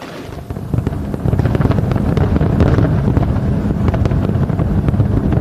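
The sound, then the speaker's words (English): A fireworks display over a harbor at Seward, Alaska, booms and crackles in rapid, irregular bursts over a steady, heavy rumble of wind and open-air noise, loud throughout with no voices. “You're looking at the spectacular display that was visible over Seward, Alaska.”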